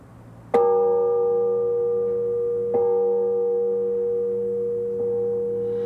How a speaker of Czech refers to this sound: No podle zvuku bych odhadoval, že ten zvon má hmotnost několik tun. Ano, odhadujete velice správně. Svatý Václav zvon má v podstatě 3 tuny.